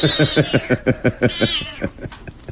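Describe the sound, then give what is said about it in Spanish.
An agitated cat, a statue of solid gold with emerald eyes transformed into an aggressive, fearsome creature, yowls in a quick run of harsh, pulsing cries, then lets out one longer drawn-out wail before trailing off into quieter sounds. Fairly loud, with no talking. “Increíble transformación de un gato de oro macizo y con ojos de esmeralda en aquel ser agresivo y temible que está a los pies de Karma.”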